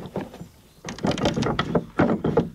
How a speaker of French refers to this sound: Ah oui, toutes les serrures, tout est en bois. Oui, c'est ça exactement, puis c'est actionné par une clé. Donc la clé est en métal pour le coup, la serrure en bois.